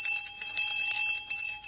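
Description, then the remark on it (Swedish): A bell belonging to an art installation with a gynecological chair placed behind a wall rings rapidly and continuously, its bright metallic tone struck over and over in a steady jangling rhythm, fairly loud, with no voices. “Installationen består av en gynekologstol placerad bakom en vägg med en tillhörande klocka.”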